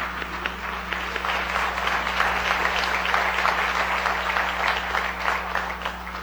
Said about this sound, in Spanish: Bienvenidos. Sí, un fuerte aplauso.